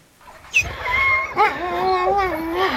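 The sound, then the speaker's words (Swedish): Light, fluffy sled dogs in Sisimiut, Greenland's second-largest town just north of the Arctic Circle, howl together in a sustained, wavering chorus, several long rising and falling howls overlapping, with no talking. “ljusa, fluffiga hundar i Grönlands näst största stad Sisimiut, strax norr om polcirkeln”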